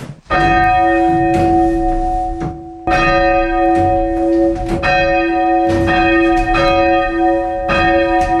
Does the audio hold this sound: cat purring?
no